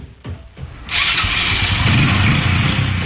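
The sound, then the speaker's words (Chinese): A motorcycle engine in a small county town cranks with a few short sputters, then catches and settles into a steady, loud idle, with no one talking. “好啊好啊，你等我一会儿啊，我拿个摩托车钥匙。”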